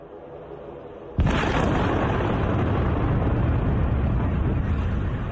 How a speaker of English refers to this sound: And there you see the impact of that drone strike, vehicle alarms set off from the blast wave.